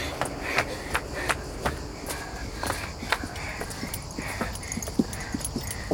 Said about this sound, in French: Regarde, un cheval ! T'as vu comme il est maigre ?